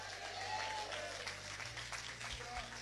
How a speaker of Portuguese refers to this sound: Com palmas para Jesus, bem alegre.